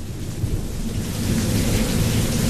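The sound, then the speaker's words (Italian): Steady rain hisses continuously outside while a deep, rolling rumble of thunder swells underneath and grows slightly louder, with no voices present. “Si sente solo la pioggia fuori.”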